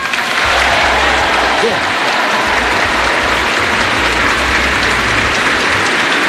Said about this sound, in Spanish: Ahí tenéis el aplauso de la gente que en plena misa, o sea, confirma, líquida, ¿no? Celebra que se ha vuelto líquida.